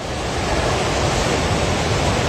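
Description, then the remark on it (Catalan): A steady, loud roar of rushing floodwater from a swollen river during a powerful flood in northern Nepal near the border with Tibet, a dense unbroken wash of noise that fills the whole clip with no voices. “i si ja impressiona aquest so que sentíem, aquest renou de l'aigua, encara impressiona més les imatges que han donat la volta al món d'aquesta aigua avançant a gran velocitat”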